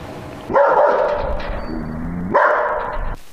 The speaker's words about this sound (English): Oh, you know that, right? It's a dog.